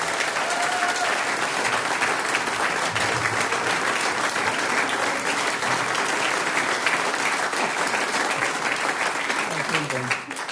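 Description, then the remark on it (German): Sustained audience applause for the group a band, dense and steady clapping from a large crowd for about ten seconds, with faint voices mixed in before it tapers slightly at the end. “Der nächste Applaus geht an ….”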